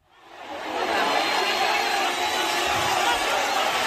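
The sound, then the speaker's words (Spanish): A large crowd in a full football stadium in Somalia applauds and roars, a dense, steady wash of clapping and cheering that swells in over the first second and then holds at full volume. “Estamos en un estadio de fútbol, las gradas están llenas, hay aplausos y un gran protagonista sobre el terreno de juego.”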